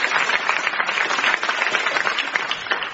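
Steady audience applause fills the whole stretch, a dense crackle of many hands clapping at once, fairly loud and even without any voices on top.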